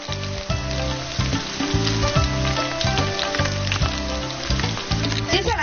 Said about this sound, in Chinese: 猪蹄切块，焯去血沫，再用炸过黄姜的油煎猪蹄块。经过油煎的猪蹄块颜色更加金黄，肉香更加浓郁。